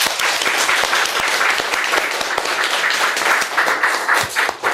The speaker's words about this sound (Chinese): 那么也非常感谢我们的消防员，请大家为他鼓掌，好吧？